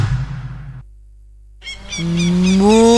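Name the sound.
cow mooing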